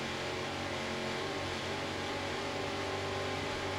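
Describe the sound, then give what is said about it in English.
Two 800-horsepower Mercury inboard engines on the 40-foot Nick Carter Racing powerboat roar as they rev up at the start of a race at Daytona Beach, heard on board. They make a dense, loud mechanical drone with a throbbing low rumble and a steady hiss, holding an even pitch, with no voices. “Let's listen to those Mercury engines as they rev up and start the race.”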